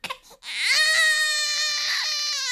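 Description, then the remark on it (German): A newborn baby lets out a loud, sustained wail after a couple of short whimpers, its pitch rising sharply and then holding a piercing, steady cry, after a small prick in the heel to take a few drops of blood for newborn screening. “Kaum ist das Baby auf der Welt, muss es zur ersten Reihenuntersuchung.”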